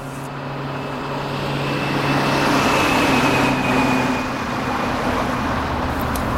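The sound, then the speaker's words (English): A steady wash of street traffic noise played through a sound system, a continuous rumble of passing cars and heavier vehicles with a faint hum, moderately loud and unbroken, with no one speaking. “Why do they keep feeding street noises into the sound system?”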